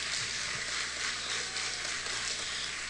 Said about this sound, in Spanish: Un aplauso, por favor, muchísimas gracias.